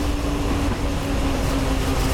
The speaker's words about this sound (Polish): Znowu w lokomotywie.